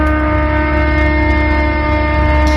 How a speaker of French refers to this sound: Il a surtout une turbine de 500 chevaux et deux hélices qui lui confèrent un bruit de très très gros moustiques.